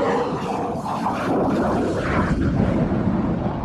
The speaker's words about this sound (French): Et quand il va remettre les gaz, pour avoir la puissance nécessaire, il va mettre la post-combustion sur l'autre moteur. Et là, ça va faire du bruit.